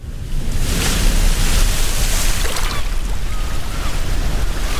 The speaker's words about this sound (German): Die Sonne scheint, die Wellen klatschen gegen das Segelboot, das salzige Wasser spritzt bis ins Gesicht und das Segel bäumt sich im Wind, während die Jolle am Opernhaus vorbei durch die Gewässer von Sydney prescht.